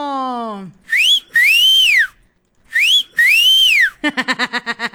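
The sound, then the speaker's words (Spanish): A person whistles loudly: a short rising note followed by a long swooping fall, repeated twice, then a quick warbling trill to finish. “Ahí está tu chiflido.”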